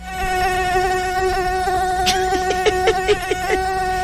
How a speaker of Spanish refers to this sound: Escuchemos 2 minutos de ruido de mosquito.